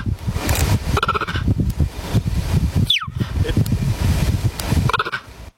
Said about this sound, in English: Is it a cheetah? Absolutely right. Bingo, it is a cheetah. Nicely done. I didn't know they made that little chirping noise. I never knew that before.